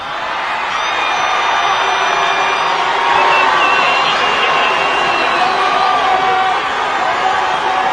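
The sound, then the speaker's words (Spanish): A large rally crowd in Colombia roars continuously for outgoing president Gustavo Petro, many voices chanting slogans with applause mixed in, loud and steady for the whole stretch with a slight swell partway through. “Entre arengas y aplausos, el mandatario saliente advirtió que el país retrocede a la época colonial de hace 2 siglos.”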